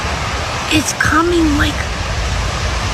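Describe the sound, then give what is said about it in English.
Steady, dense hiss of rain pouring down outdoors as the edge of a storm moves down a street, fairly loud and even throughout, with a few faint voiced sounds briefly rising above it. “She's looking down the street and the rain is starting to make its way down the street to the lady.”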